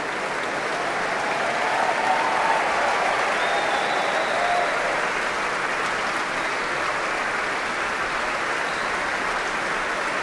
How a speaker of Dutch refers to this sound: Dat hoopt natuurlijk iedereen hier in de zaal, in de grote zaal van het Concertgebouw. Iedereen blijft klappen.